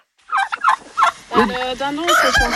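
Backyard hens cluck and squawk, several birds calling over one another in a busy, overlapping chorus of short harsh cries that grows louder toward the end, at a family home in the Ardennes, France.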